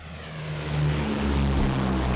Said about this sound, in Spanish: Esos dos los aviones que despegan, que no son los de ellos. No son los de ellos.